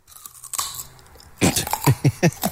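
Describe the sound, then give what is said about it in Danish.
Crisp, loud crunching of a raw carrot: an initial snapping bite, then a quick run of four or five sharp, rhythmic chewing crunches with no talking. “Det er en gulerod.”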